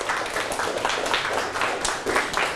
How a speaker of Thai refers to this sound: เก่งมากครับปรบมือให้ตนเอง